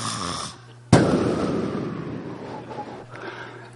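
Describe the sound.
Someone imitates loud snoring: a brief rumbling drone, a short pause, then a sudden harsh snort that trails off into a long, raspy, fading breath.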